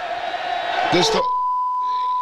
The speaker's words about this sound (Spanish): Ese era el grito, que aquí es un bip, por supuesto.